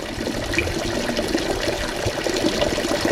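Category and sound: nature, water flowing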